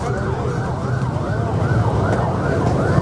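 Sirens of speeding ambulances wail continuously, their overlapping tones sweeping up and down, loud over a steady rumble of traffic.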